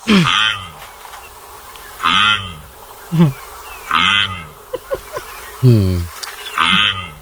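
A duck quacks loudly over and over, about seven harsh, nasal calls at uneven intervals, with a few brief clicks in between and no voices.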